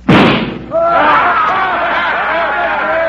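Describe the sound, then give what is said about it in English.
A single sharp pistol shot, fired at a little gold eagle on a flagpole across the street, cracks out loudly, its echo fading within half a second, then a crowd of excited, overlapping voices swells up and carries on. “Get them hog legs out and let's get to shooting.”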